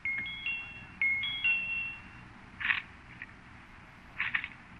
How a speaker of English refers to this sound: Pencil, sure, good idea. Here. Now, let's see if I can get the tip through the bars and against the doorbell button. That's about it. Mm-hmm. Now, push it.